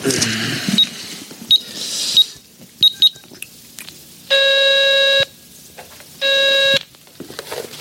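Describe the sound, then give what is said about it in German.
A payphone beeps as a phone card is used: several short, scattered electronic beeps, then two longer steady tones about a second apart, with faint handling clicks and no talking. “können wir doch wenigstens mal anrufen und fragen, oder? Wenn du meinst. Hier, nimm meine Telefonkarte.”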